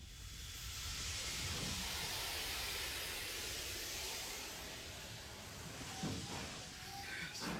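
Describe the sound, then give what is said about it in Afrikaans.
A steam locomotive, its firebox filled with coal and burning, hisses loudly and steadily as it pulls away at full steam, a dense rush of steam over a low rumbling chug, with a brief clank near the end. “Ek het jou vuurkas vol kolen gemaakt, die vuurbrand. Ons is reg om jou vir die wêreld te wys.”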